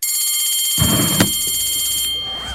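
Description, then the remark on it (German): A bell rings continuously, a bright, shrill electronic tone with steady shimmering overtones that holds for the whole stretch, joined by a low rumbling undertone partway through. “es klingelt. Wir haben schon wieder überzogen.”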